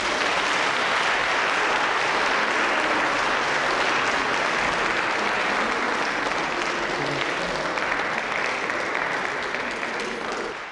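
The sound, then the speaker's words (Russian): Sustained applause from a concert audience as comedian Efim Shifrin is announced, a dense, even wash of clapping that holds steady for about ten seconds before beginning to taper off at the very end. “Когда я объявляю его в концерте, мне не обязательно говорить «лауреат», «первые премии», достаточно сказать два слова, на лицах появляются улыбки, звучат аплодисменты, поэтому я всегда с удовольствием произношу эти два слова.”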